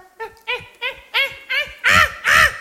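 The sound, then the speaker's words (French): A voice imitates caveman grunting: seven short, throaty, pitched bursts in a steady rhythm, growing louder toward the end, with no actual words. “Les hommes des cavernes communiquaient par grognement.”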